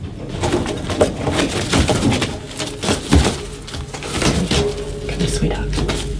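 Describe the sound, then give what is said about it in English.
An injured wild bird that flew into a window at Pukiti Gardens coos softly and repeatedly, a low dove-like murmur, at a clinic for wild birds in New Plymouth, over a busy indoor backdrop of faint voices and occasional knocks and rustles. “But first, we're heading to a clinic for wild birds in New Plymouth, where vet nurse”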